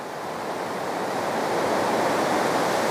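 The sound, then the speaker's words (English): A loud, steady roar of rushing water from a river swollen by heavy rain, churning continuously without pause and swelling slightly as it goes on, with no voices. “The heavy rain caused the river to swell dramatically.”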